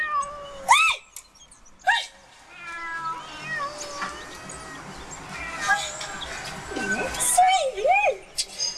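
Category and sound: animal, cats meowing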